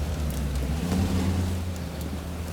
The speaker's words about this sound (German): Hören Sie den Wagen?